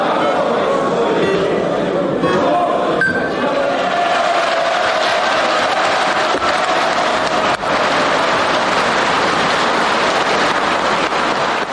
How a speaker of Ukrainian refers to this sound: Після доленосного голосування сесійна зала вибухнула оваціями.